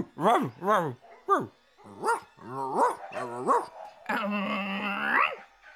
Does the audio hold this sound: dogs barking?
yes